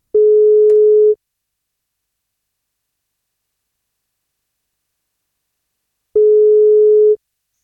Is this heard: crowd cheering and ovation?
no